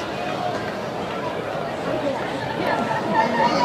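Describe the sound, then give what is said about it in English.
Steady crowd chatter at an Auburn baseball game on the Plains at night, a dense, continuous murmur of many overlapping voices with no single speaker standing out, swelling slightly louder toward the end. “Good-looking crowd here tonight on the Plains.”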